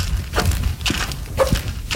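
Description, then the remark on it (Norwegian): Steady walking footsteps along a long corridor at NRK, about four paced steps in two seconds, with a short high squeak from one shoe on some steps, over a soft low background rumble. “Husk det halvt, for det bare ene skoen som knirker.”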